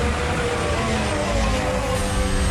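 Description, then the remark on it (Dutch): Onboard engine sound of Alonso's Formula 1 car as he deploys battery energy and downshifts, a dense, steady, high-revving drone with a whining tone that shifts slightly in pitch. It runs loud and continuous throughout, with no voices. “Aanboordgeluid van Alonso.”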